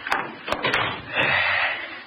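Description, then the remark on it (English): A door is shut with a quick series of sharp wooden clunks and rattles, then a steady low rumble of background noise lingers afterward. “Shut the door.”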